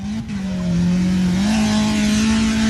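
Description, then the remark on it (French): A fun car racing car's engine roars loudly on a circuit, its steady drone dipping slightly in pitch before climbing again as it revs, with no voices present. “Le fun car consiste surtout à glisser sur le circuit, s'amuser avec évidemment une petite pointe d'adrénaline”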